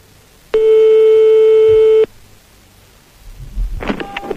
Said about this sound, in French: On a son portable, on a son fixe. Je ne résiste pas au plaisir de faire sonner, pour commencer, le petit fixe de notre ami marabout. Attention, on y va, c'est parti.